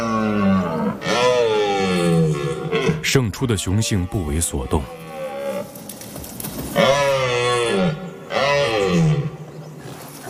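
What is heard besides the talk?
red deer stag roaring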